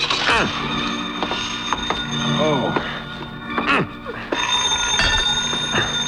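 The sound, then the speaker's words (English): A telephone rings steadily and loudly, its bright bell tone continuing for several seconds, with a few swooping, gliding sounds mixed in over the top. “6 to 5, I'd never get there before it stopped ringing.”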